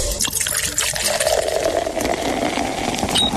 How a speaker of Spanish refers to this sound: Eso está bueno, así que de una vez hay que destapar también las chelas.